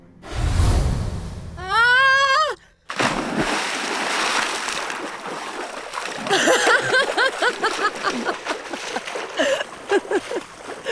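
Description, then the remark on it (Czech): A rushing descent and a rising whistle end in a heavy splash into a fountain in the evening, followed by churning, sloshing water, with voices murmuring over the splashing near the end. “Není to takovej náraz na nohy, víš? Budeš mokrá.”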